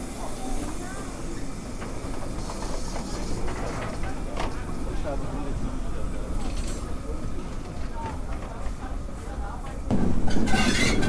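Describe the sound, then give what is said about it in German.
The steam locomotive 58 311 rumbles and chuffs past, tender first, on a station special run with people riding in its cab, with steady hissing and clanking that swells louder near the end, while people's voices murmur in the background. “Hier knattert gerade die 58311 Tender voraus an uns vorbei.”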